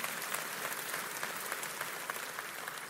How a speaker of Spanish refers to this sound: Día y noche, los escogidos, denle un aplauso al Señor. Amén.